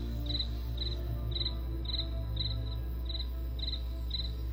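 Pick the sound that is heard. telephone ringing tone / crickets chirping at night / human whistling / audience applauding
crickets chirping at night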